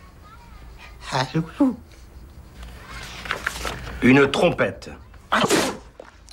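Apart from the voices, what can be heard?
sneeze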